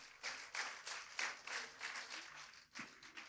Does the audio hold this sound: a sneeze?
no